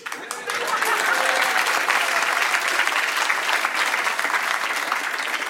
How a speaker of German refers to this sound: Dankeschön. Vielen Dank. Dankeschön, ein liebenswerter Applaus zu Beginn. Danke.